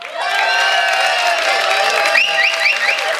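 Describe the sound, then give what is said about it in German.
A large crowd cheers and applauds steadily and loudly, with overlapping shouts and high whistles and whoops rising toward the end, at an open-air Frühschoppen festival in Ramsau in bright sunshine. “Viele Gäste aus nah und fern sind extra angereist zu diesem Frühschoppen und mit diesem Applaus schicken wir liebe Grüße hinaus in die große, weite Welt bei traumhaftem Sonnenschein aus Ramsau.”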